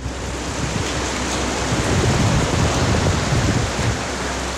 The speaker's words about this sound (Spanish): Pero hay otras que llegaron segundos antes, que son directamente de la lluvia que se ha dejado sentir en Antofagasta. La lluvia es potente en Antofagasta. Ahí está.